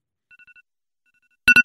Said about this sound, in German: Oh mein Gott, das ist so schlimm. Da zuckt es gerade überall zusammen drum. Ich glaube, es wäre definitiv mal Zeit für ein neues Handy mit neuen Weckertönen.